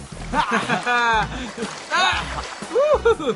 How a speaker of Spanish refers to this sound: ¿Saben qué hora es? ¡Es hora de bañar a los elefantes! Sí, me parece que todos tomaremos ese baño. Los elefantes se bañan cada vez que pueden.